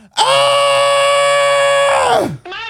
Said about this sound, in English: So if you are in your car, reach up as high as you can and scream as loud as you can.